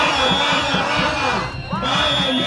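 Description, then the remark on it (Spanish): Teachers protesting at the doors of the Consellería shout and chant together in support of their unions, calling for the strike to continue. Many overlapping voices rise and fall in a loud, continuous clamor, with a brief dip before the noise swells again. “esa exclusión del tema salarios ha provocado un gran malestar entre los docentes que se concentraban esta mañana a las puertas de la Consellería para arropar a sus sindicatos, que han proferido gritos a favor de la continuidad de la huelga.”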